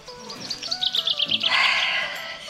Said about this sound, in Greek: Θες, άκουσα πουλάκια.